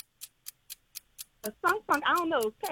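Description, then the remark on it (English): A game timer clock ticks in a steady, quick rhythm of crisp clicks during a timed trivia quiz, alone at first; then someone starts talking while the ticking keeps going underneath. “Start the clock.”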